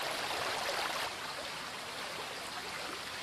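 Spring water filtered through the rock from the heights gushes steadily in many jets inside a gorge at the Escuaín spring, a dense, continuous rush of splashing jets, slightly louder at first then holding an even roar with no voices.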